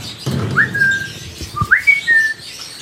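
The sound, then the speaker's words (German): Two clear, upward-sliding whistles, each rising then holding a steady tone, repeated about a second apart by a grey parrot, one of two grey parrots living in an aviary next to the cockatoos, with faint low background rumble. “Dort leben die beiden Graupapageien Julia und Geoffrey.”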